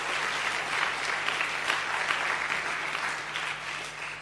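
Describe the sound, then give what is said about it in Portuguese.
Steady applause from an audience for civil society organisations, a dense rattle of many hands clapping at once at an even level, with no voices heard over it. “E nós queremos pedir uma grande salva de palmas para as organizações da sociedade civil.”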